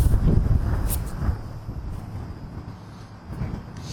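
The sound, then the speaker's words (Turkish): Strong wind buffets the microphone outdoors at the scene of a wildfire, a continuous low rumbling roar with uneven gusts that swell and fade over a few seconds, fairly loud, with no one speaking. “sana baktığımda bir yandan da rüzgar hissediliyor.”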